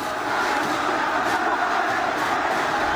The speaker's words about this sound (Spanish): Bueno, 45 minutos ya parado el encuentro. En un momento que además la gente de pie está gritando, está alentando. Lógicamente Central está ganando y quedan muy pocos minutos para que termine el partido.